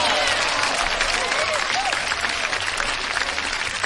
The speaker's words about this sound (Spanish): Un aplauso, qué padre, ¿no?